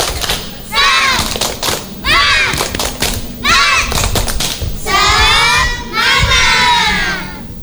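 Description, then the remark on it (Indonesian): A group performs a 'tepuk semangat' (spirit clap) to open an event, clapping in a quick, steady rhythm, sharp bursts of hand claps alternating with loud chanted shouts from many voices, building into a lively, energetic call-and-clap pattern. “Baiklah teman-teman, supaya semangat, kita akan awali dengan tepuk semangat.”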